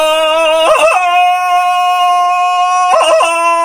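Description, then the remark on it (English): Tarzan's jungle victory yell, given with his head leaned back after beating Katabba: a loud, long, steady high-pitched cry that breaks into a quick warbling yodel near the start and again near the end, with no talking. “He leaned his head back and yelled his victory yell.”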